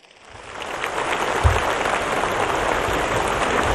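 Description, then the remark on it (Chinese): A crowd at an opening ceremony in Ningxia, China, breaks into applause to welcome leaders and guests. It swells over the first half second, then holds as a dense, steady wash of many clapping hands, fairly loud and with no voices. “让我们以热烈的掌声欢迎各位领导和嘉宾的到来。”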